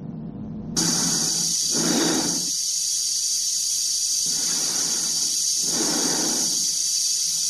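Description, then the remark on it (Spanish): Slow, heavy breathing of a person in a red spacesuit walking along an octagonal corridor sits against a constant rushing hiss of air, with a few drawn-out breaths swelling and fading, muffled inside the spacesuit helmet. “Se escucha su respiración dentro de la escafandra.”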